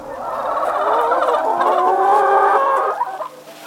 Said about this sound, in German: zeigt stolz auf die weiß gefiederten Hühner, die, wie er sagt, neugierig singen. Auf seinem Demeterhof hält er 7600 Legehennen und 12.000 Masthähnchen.